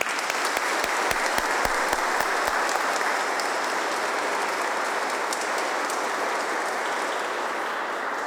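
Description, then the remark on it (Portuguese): An audience at a Catholic Mass claps steadily in sustained welcoming applause, a dense wash of many hands with a few sharper individual claps standing out early on, continuing at an even level with no talking. “Então, nossa acolhida, nossa salva de palmas.”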